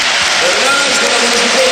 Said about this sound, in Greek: Εισπράττει σαφώς το χειροκρότημα.